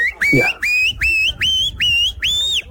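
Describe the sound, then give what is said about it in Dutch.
A person whistles an imitation of an oystercatcher, a run of six shrill rising notes repeated in steady rhythm, loud and clear, with a brief murmur of voice at the start. “Hebben we ook nog de schoolekster?”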